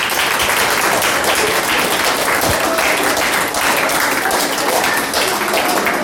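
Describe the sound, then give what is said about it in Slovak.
Steady, dense applause from a large audience for the third-place prize winner of a competition, many hands clapping at once in a continuous crackling wash that holds at a fairly loud level throughout, with no voices standing out. “takže ešte jeden veľký aplauz”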